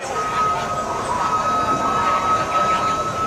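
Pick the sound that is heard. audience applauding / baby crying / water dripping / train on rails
train on rails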